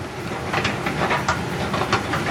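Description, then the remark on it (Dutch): A running escalator whirs steadily in an otherwise empty train station, its mechanism giving off soft, regularly spaced clicks over a constant mechanical hum, moderately loud, with no voices. “Het enige wat hier op rolletjes loopt is de roltrap. Dat kan ik ook wel even laten horen.”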